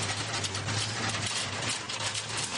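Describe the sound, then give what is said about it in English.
A rally car engine, the number 88 Subaru WRX driven by Carlo Van Damme, drones at a steady low pitch as the four-wheel-drive car goes off into the gravel, under a dense, hissing wash of noise like tyres on gravel, loud and unbroken throughout, with no voices. “That is not a nice noise either.”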